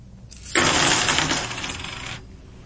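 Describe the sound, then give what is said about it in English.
A handful of 50 90% silver half-dollar coins spills onto a hard tabletop, hitting the table and each other, a bright, dense rush of metallic clinks and jingles lasting under two seconds, fairly loud, then fading out. “makes as it's dropped on the table and hits the table as well as hits the other coins”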